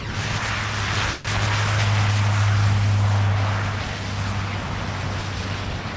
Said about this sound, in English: It's a big, like, some kind of carrier that it's about to take off.